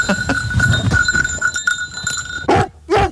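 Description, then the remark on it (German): A small bell on rescue dog Eddie jingles steadily and grows closer as he searches for a missing person, then Eddie lets out two loud, close barks in quick succession near the end. “Ich höre die Glocke, sie kommt immer und immer und immer näher.”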